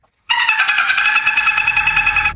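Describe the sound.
A human voice imitates a dolphin with a rapid, steady train of high, buzzy clicks and whistle-like tones, loud and continuous for about two seconds with no talking, played as sound number 1 in a human-or-animal guessing game.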